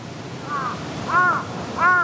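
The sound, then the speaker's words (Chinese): Crows gathering around a dead crow on the ground caw three times at an even pace, each harsh call a bit louder than the one before, over a low, steady background hum. “地上的乌鸦尸体不是他们认识的个体，但他们依然聚集过来。”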